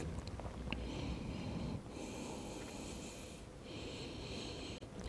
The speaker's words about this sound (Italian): Porto le orecchie allineate agli omeri, stiracchio un po' i muscoli dorsali, rilasso le gambe e mi concedo qualche respirazione.